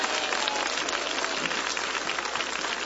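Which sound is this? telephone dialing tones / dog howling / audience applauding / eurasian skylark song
audience applauding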